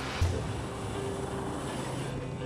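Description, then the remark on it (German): A steady, dense roar of aircraft cabin noise during a patient transport flight of about 12 minutes to a clinic in Duisburg fills the whole recording, an unbroken engine drone with a brief low thump near the start and no voices. “Die lauten Geräusche in der Maschine können gerade bei Schädel-Hirntrauma-Patienten zu Problemen führen.”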